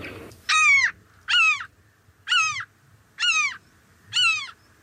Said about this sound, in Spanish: En este caso es una gaviota común. Común.